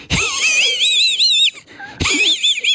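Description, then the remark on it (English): A person imitates the wheezy, snickering laugh of Muttley, the cartoon dog from Wacky Races, in two strained, warbling bursts, each starting with a sharp breathy onset, loud with a short pause between. “You remember Muttley from Wacky Races, though, because Muttley was a dog. That's right. And used to go like this.”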